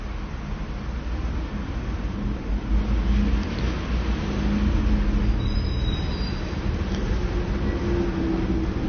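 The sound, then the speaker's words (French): A wood and coal delivery truck's engine rumbles low and steady as it turns through city street traffic, with a brief high squeal partway through and no voices. “Un autre bois charbon qui tourne dans la rue où nous nous trouvons.”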